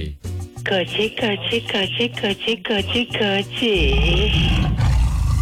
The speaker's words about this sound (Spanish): Si quieres rugir como un tigre de verdad, Tiger King, tienes que tomar.